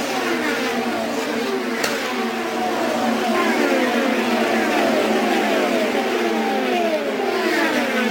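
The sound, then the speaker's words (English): Race cars, led by Rossi's Napa car, roar down the front straightaway at speed, engines whining in sustained high-pitched drones that sweep up and down in pitch as they pass, a loud continuous wash of motor noise. “Moving down the front straightaway, the Napa machine of Rossi is in the lead.”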